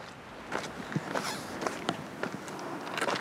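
Slow, crunching footsteps climbing steeply uphill on a loose gravel path through scrub above the village of Les Goudes in Marseille, France, about two per second, each step a gritty scrape at moderate volume, with no voices.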